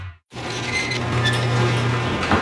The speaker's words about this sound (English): Your garage door starts squeaking and you think, maybe I'll just lube that up myself.